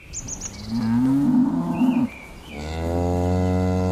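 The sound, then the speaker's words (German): Two long, loud moos from Pinzgauer cattle, deep and drawn out, from a herd of 40 chestnut-brown Pinzgauer cows on a pasture behind a farm in Teisendorf, Berchtesgadener Land, Germany, with faint chirping of birds or insects in the background. “40 Pinzgauer Kühe, alle mit der charakteristischen Zeichnung im kastanienbraunen Fell”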